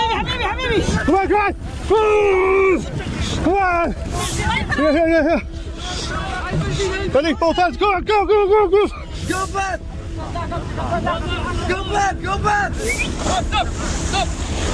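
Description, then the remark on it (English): Many voices shout and call out over one another on a crowded small migrant boat crossing the English Channel, with steady wind buffeting and waves rushing underneath throughout. “Inside an illegal migrant small boat across the English Channel.”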